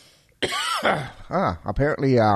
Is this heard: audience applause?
no